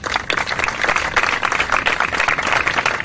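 A crowd applauds steadily at the close of a memorial ceremony for Miguel Ángel Blanco and victims of terrorism, held in the gardens bearing his name beside Avenida de Blas Infante in Antequera, Spain: a dense, even patter of many hands clapping at once, fairly loud throughout, with no voices breaking through.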